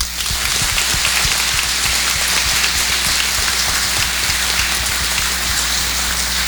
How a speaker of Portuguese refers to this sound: Por isso, vamos saudá-los, acolhê-los com uma forte salva de palmas.